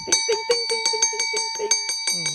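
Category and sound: sound effect, bell ringing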